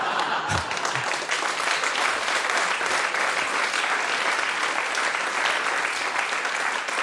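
A live audience claps steadily for several seconds, a dense, even wash of many hands that stays loud throughout with no voices standing out.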